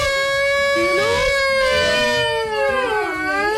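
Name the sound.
voice imitating a siren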